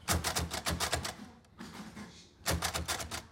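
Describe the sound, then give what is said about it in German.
Rapid mechanical key strikes from a Braille typewriter (brailler) clatter in two bursts, fairly loud, with a brief quieter pause between them. No one speaks. “Wie sie die Geschichte der Breischrift lernen und die Arbeit mit dem Breiler, der zugehörigen Schreibmaschine.”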